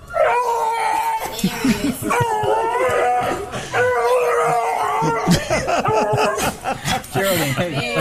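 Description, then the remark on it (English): A dog named Geraldine howls in a series of long, wavering, screeching cries that rise and fall like a TIE fighter's whine, loud, with people laughing and chuckling along. “So that's the TIE fighter. And this is Geraldine the dog.”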